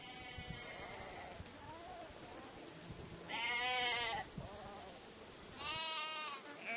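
Sheep and goats of a nomad herd on the grasslands, kept together while grazing, bleat repeatedly over a steady background murmur, with two loud, wavering calls standing out, one midway and one near the end, among fainter overlapping bleats.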